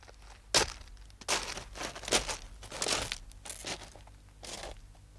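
Footsteps of a man walking toward a hotel terrace crunch across fine gravel at an unhurried pace, about eight gritty steps, clear, with no voices.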